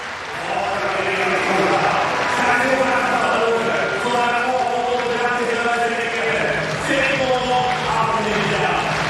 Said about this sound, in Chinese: 他的对手同时呢也是他的好友肯德里克斯在场边是为他要掌声，要这个观众鼓掌的节奏，希望能够给他带来一些帮助。